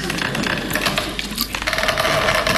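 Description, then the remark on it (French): Wooden furniture, Louis XIV chests of drawers, creaks and groans continuously for a couple of seconds, a fairly loud rasping sound with a faint drawn-out squeal running through the later part. “Ah, c'est le bois qui grince, j'ai énormément de commodes Louis XIV.”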